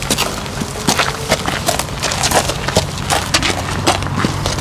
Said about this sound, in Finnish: Nämä askeleen äänet kuuluvat lämminveri ruunalle nimeltään Paavo. Nyt nimittäin tutustutaan aivan uudenlaiseen hevosen avulla toteutettavaan kuntoutusmuotoon, raviterapiaan.